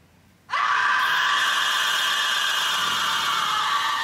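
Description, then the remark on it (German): In a TV crime drama, a woman who has found a dead body lets out a loud, piercing scream that starts abruptly after a brief quiet moment and is held at full strength, shrill and sustained, until the end. “Warum schreit die so?”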